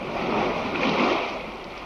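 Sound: roaring sea waves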